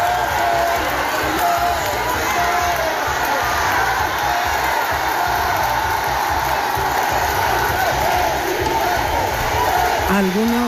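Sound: crowd cheering and applauding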